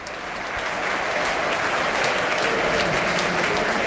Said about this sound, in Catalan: Cosa que provoca l'aplaudiment per part del públic. Marxa Stansfield i entra en el seu lloc Scott Wright.